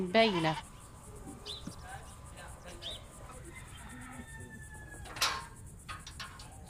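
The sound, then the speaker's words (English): A sheep gives a short, wavering bleat, followed by quiet shuffling, faint rustles and a brief scrape in a stall as a man feeds the animals. “He's feeding the animals. We have to feed them in the stall because of the settler attacks.”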